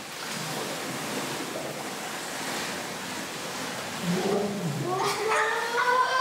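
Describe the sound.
Steady watery rushing and bubbling fills the scene as children in a swimming pool dive down and blow bubbles with their mouths, breathing out into the water for as long as they can, with high, wavering children's voices rising over it near the end.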